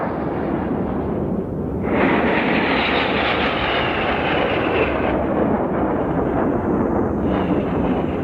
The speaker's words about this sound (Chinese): 我们的空军健儿驾驶的94架战鹰，轰炸机、强击机、歼击机组成楔形的空中梯队，这是保卫祖国领空的无敌战鹰。